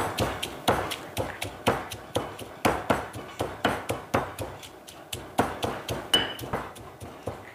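Steady, rhythmic pounding of steamed chicken, cut into small pieces, in a mortar to make chicken floss, around twenty dull thuds at a brisk even pace, each strike with a short sharp attack and no talking.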